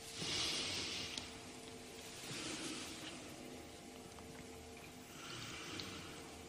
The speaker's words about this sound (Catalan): A veure, respira.